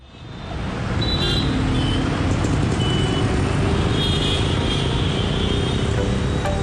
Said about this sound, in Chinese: 拥挤的斑马线，热闹的喇叭声，又一个平常的一天要过去了。